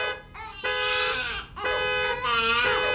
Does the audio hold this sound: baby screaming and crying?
yes